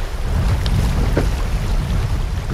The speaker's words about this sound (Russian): Наш плот обгоняют любители сплава на байдарках, вызывая волны, на которых покачивается наше плавсредство. Вода бьется об борт.